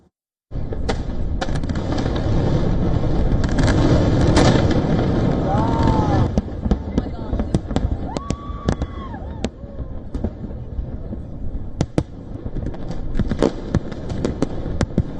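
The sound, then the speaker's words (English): Fireworks explode in the night sky during Independence Day celebrations in the United States marking the nation's 250th birthday, amid extreme heat: a dense, crackling barrage for the first few seconds, then scattered sharp bangs and pops, with whistling tones rising briefly between bursts. “Well, even so, from packed fairgrounds and patriotic gatherings to fireworks lighting up the night sky, millions of Americans pressed ahead with celebrations determined to mark the nation's 250th birthday, despite one of the hottest Independence Day”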